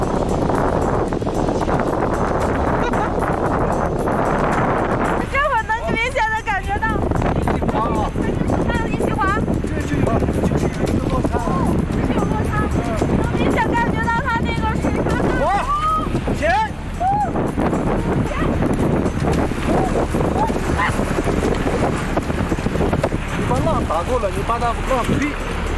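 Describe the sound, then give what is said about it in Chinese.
Loud, continuous roar of rushing river rapids in a V-shaped canyon, where the valley terrain changes sharply, fills the whole recording, steady, with the voices of people on a boat calling out over the churning water now and then. “果然，就在河谷地形变化剧烈之处，河水突然变得湍急起来。”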